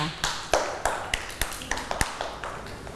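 A group of children clapping for a child who told how they help their parents at home, in an uneven, loose rhythm, about a dozen sharp claps spread over a few seconds at moderate loudness, with no talking.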